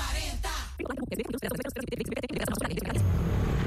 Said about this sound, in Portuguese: Amor, ouviu essa moto? Deve ser um entregador.